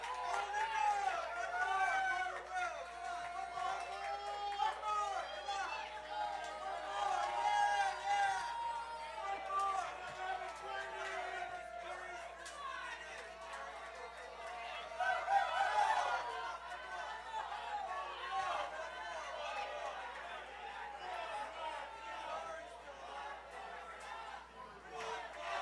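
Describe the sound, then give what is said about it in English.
An audience shouts and yells continuously at the hosts, many voices overlapping in a loud, steady roar of chatter and cries that swells around the middle and never lets up. “They keep yelling at us,”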